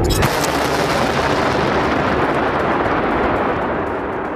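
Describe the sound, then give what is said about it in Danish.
A missile launch, from Iranian state TV footage of missiles and drones sent toward two US bases in Jordan, roars to life with a sharp burst, then a loud, steady, rumbling rush of noise that holds for several seconds and eases only slightly at the end. No voices. “Som man kan høre her, har iransk stats-TV vist billeder af missiler og droner, der ifølge stats-TV-stationen blev sendt afsted mod baserne.”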